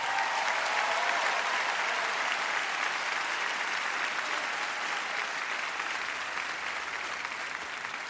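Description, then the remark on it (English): Steady applause from a large live concert audience at Wolf Trap, a dense wash of clapping for the keyboard, piano and accordion player John Carroll that stays loud and even for several seconds, with faint crowd noise mixed in. “I would like to, one more time, please give a round of applause for on keyboards and piano and accordion, Mr.”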